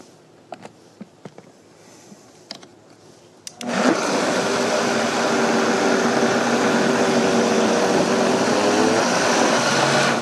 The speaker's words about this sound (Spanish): Esta licuadora que yo tengo aquí es bastante grande, así que si en su casa usted no tiene una licuadora de este tamaño, lo puede hacer en 2 partes. Pero lo que vamos a hacer en estos momentos es licuar la sopa.